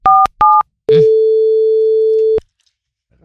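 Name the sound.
telephone dialing tones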